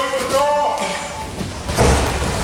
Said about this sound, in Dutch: Ja, zo wordt dus straks traditioneel de deur dichtgeslagen in het gezicht van een van de medewerkers van de koning. Dat klinkt dan zo.